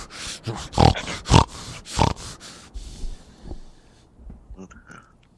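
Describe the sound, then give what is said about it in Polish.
A person imitates a pig with a quick run of harsh, nasal snorting grunts, fairly loud, trailing off into a few softer snuffles. “odruchy, taki tik nerwowy, że wiesz, on jak wkurzony jest, to zaczyna chrumkać.”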